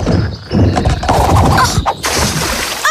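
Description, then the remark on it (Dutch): A heavy splash as someone falls off a log into water during a log-walking game, loud, with churning water settling for about a second before a few short, squeaky chirps at the end. “Let wel op dat je niet in het water valt.”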